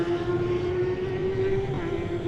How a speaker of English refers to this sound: I'm in a different position to what I normally go on there now, so you're probably picking up a bit more exhaust noise.